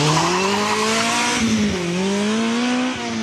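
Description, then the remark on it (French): A car launches hard from a standing start on a timed run after a 3-2-1 countdown, its engine roaring loudly with a steadily climbing pitch. There is a brief dip partway through, like a gear change, over a continuous hiss of tires. “Il n'y en a pas beaucoup qui partent aussi fort au démarrage.”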